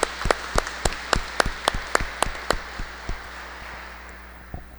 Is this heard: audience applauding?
yes